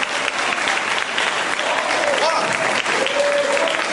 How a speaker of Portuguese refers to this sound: Amém, igreja? Olha as palmas.